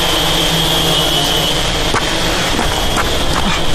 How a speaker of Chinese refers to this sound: 匪徒已放无人机， 检查无人机信号。